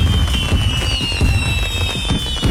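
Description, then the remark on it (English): A dense, loud barrage of Bolino Fireworks: rapid overlapping bangs and crackles with high whistling streaks running through, continuous from start to finish, with no voices. “Bolino Fireworks, celebrating freedom, family, and fireworks for generations.”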